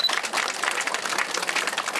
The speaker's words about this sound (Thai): แต่ท่านคือสุดยอดชุมชนจริงขอเสียงปรบมือด้วย